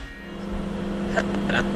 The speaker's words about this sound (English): And as soon as the microwave starts, you can hear it scrambling the signal.